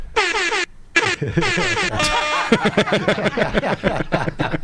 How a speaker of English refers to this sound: I got to fix my air horn. I still love the button.